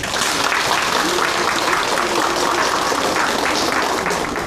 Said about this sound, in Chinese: 那么现在呢，我们掌声有请阿伦老师登台。